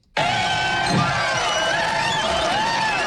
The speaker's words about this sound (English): It almost sounds like we added that soundbite at the end of the crowd cheering there.